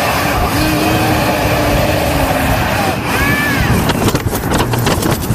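A grocery delivery drone drones steadily overhead, its loud motor whine shifting in pitch as it moves, with rushing wind-like noise and a few clattering bursts near the end.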